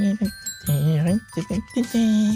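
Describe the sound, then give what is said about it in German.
Bright glockenspiel chimes ring out in sustained, shimmering tones within a song, layered under a sung vocal line that rises and falls. “So, ein bisschen Glockenspiel noch.”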